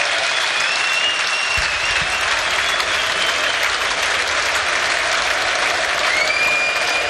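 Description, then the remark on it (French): A large stadium crowd in Bruges cheers and applauds steadily for footballer Hans Van Aken during a substitution, a dense, continuous roar of clapping with occasional higher whistles rising above it, loud and unbroken, with no voices speaking. “Bruges était en balade, c'était un peu ce soir la balade des gens heureux ici du côté de la Venise du Nord, où un nouveau changement va être opéré, et celui-là, et écoutez les acclamations, je vous les laisse, elles sont pour Hans Van Aken.”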